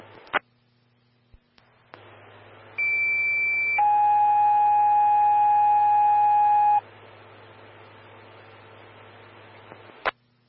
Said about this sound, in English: Station 5, Medic 112, Engine 131 Bravo, standby for tones on a chest pain. Call 3.